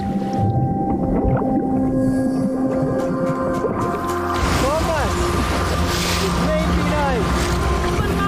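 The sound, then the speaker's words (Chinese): Sperm whale calls echo underwater: rising and falling tonal moans and arching whistles repeat over a steady low rumble, with some faint clicks and hiss throughout. “一头抹香鲸的重量相当于3头普通大象重量的总和。”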